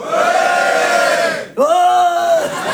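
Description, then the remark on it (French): A crowd of men in a comedy show audience bellows loudly in answer to the comedian asking if there are boys present. There are two long, sustained roars, the second starting right after a brief dip and sliding slightly in pitch before fading out. “Oh, oh, ils se sentent toujours obligés de beugler, les garçons.”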